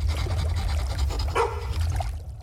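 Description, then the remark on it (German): A single dog bark rings out partway through on board a fishing boat, set against a steady, heavy low rumble like an engine or churning water. No one speaks. “Und wer hat diesen Hund mit an Bord gelassen?”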